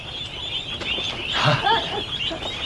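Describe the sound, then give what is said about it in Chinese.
A brief cluster of two or three nasal duck quacks rises midway, moderately loud, over a steady outdoor hiss with no talking. “鸭子怎么了？”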